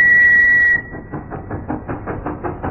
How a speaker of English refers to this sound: What? Behind you, sir. I think there's a train that wants to overtake.